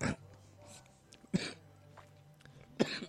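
Three short, harsh coughs, evenly spaced about a second and a half apart, over a steady low background hum, with no talking.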